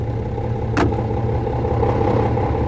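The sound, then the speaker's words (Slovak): A car engine runs steadily at a low, rumbling idle for the whole stretch, loud, with one brief sharp click or knock near the start. “sadaj rýchlo na auto.”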